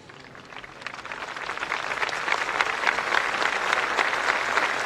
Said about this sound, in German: Starke Worte von Papst Leo dem 14., die das Volk, das zuhörende Volk, mit jubelndem Applaus aufgenommen hat, zugestimmt hat.